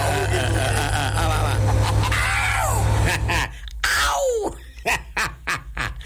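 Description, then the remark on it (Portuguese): A person lets out a short, high-pitched scream over a low steady hum, followed by a few sharp clicks and brief bursts of noise. “Ganhou do … esse grito aí”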